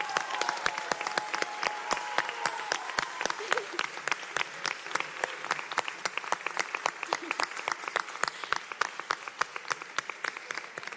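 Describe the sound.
A crowd applauds steadily for several seconds for this year's pubilles and hereus, dense overlapping claps at a moderate, sustained level with a faint murmur of voices underneath.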